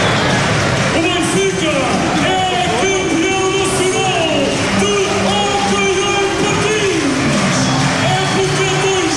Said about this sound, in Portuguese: milhares de adeptos podem gritar de novo que o Benfica é campeão nacional de hóquei em patins